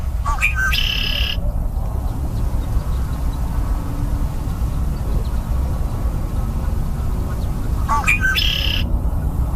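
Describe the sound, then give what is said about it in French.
A red-winged blackbird sings two buzzy, trilling songs, one near the start and one near the end, over a steady low rumble of wind or traffic. “Donc, un son un peu plus familier maintenant, le carouge à épaulettes.”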